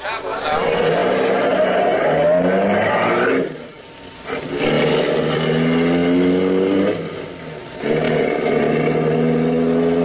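A car engine roars as it accelerates hard up a side road, its pitch climbing through several rising surges with brief dips between, loud, like a vehicle speeding away through the gears.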